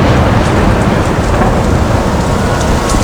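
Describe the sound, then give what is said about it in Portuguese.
Heavy, steady rain pours down in a thunderstorm over the Lake of Gennesaret, with a deep rolling rumble of thunder underneath and scattered drops pattering. Loud and continuous, with no voices. “Adensadas, as nuvens de gás leve tornaram-se tenebrosa tempestade, e o lago esqueceu a calmaria, encrespando-se, açoitado pelo vento.”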